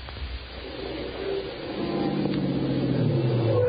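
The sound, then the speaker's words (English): A police car approaches up the street, its engine hum and a steady wailing tone growing gradually louder, with no voices. “Yeah, listen. Police car.”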